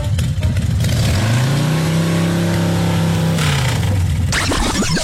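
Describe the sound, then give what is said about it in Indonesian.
A motorcycle engine revs up after a rough start as the rider moves his motorcycle, holds a loud, steady mid-pitched drone for a few seconds, then winds down into a burst of rattling noise. “Yelah, aku alihkanlah motosikal aku ni, ha.”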